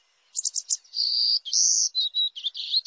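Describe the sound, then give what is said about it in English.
A golden-cheeked warbler sings alone: three quick high chirps, then a run of thin, buzzy, drawn-out notes that rise and fall in a bright, wheezy phrase. “Golden-cheeked warblers can't survive without healthy, mature woodlands.”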